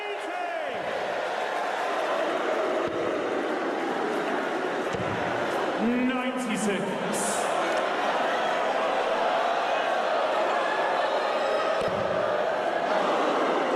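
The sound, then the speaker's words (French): A dense, steady roar from a darts crowd, with shrill whistles cutting through around the middle as spectators jeer in disappointment after Luke Woodhouse misses the treble with his first dart, ending his chance of a nine-dart finish, voices murmuring and shouting throughout. “Et les petits sifflets qui accompagnent cette première fléchette de Luke Woodhouse.”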